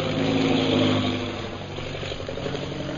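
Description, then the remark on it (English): A new propeller bombing plane drones overhead in a steady, rumbling engine roar with strong low harmonics, loudest early on and easing slightly as it continues, with no voices. “That is one of our new bombing planes.”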